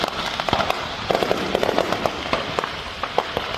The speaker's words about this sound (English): Sparks flew into the air when a fireworks stand near Tulsa, Oklahoma, caught fire and detonated on Saturday. It is not clear what started the blaze. Fortunately, though, nobody was injured in the small town of Broken Arrow.